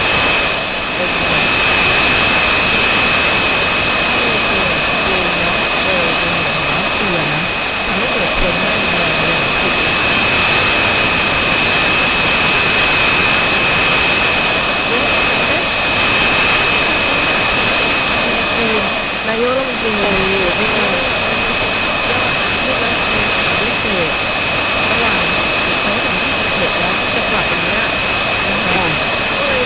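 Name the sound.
military drone flying overhead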